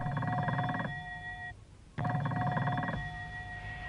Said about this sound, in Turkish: Telefon anne, bakar mısınız? Bakayım kızım. Yine babamı arıyorlardır.